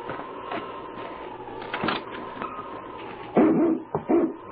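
A dog whines in a steady, high-pitched whimper, then breaks into a few sharp, close barks near the end, with no voices present.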